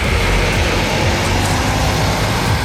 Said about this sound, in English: Elsewhere, last night in Merseyside, these buses bringing 20 people back home.